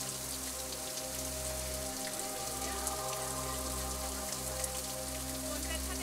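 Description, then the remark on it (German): Water rushes over stones and moss down the Tanneker waterfall, a limestone tufa waterfall in the Wutach Gorge in Baden-Württemberg, in a steady, unbroken hiss with a spattering, rain-like texture and a low underlying hum, holding an even loudness throughout with no one speaking. “Ja, das ist der Tanneker Wasserfall. Das ist ein Kalktuff-Wasserfall.”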